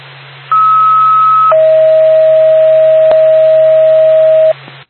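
A loud two-tone dispatch alert over a scanner channel for the Whitefield ambulance from Dalton: a short, higher steady tone, then a longer, lower one held for about three seconds, all over constant radio hiss and low hum.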